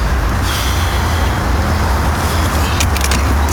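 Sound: car driving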